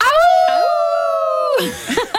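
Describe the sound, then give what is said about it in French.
At a festival named for the legend of the wolf of La Fontaine, people imitate a wolf, joining in one long, loud, sustained howl that holds steady for over a second before breaking off into scattered laughter and chatter. “C'est un festival qui porte vraiment bien son nom avec la fameuse légende du loup de La Fontaine.”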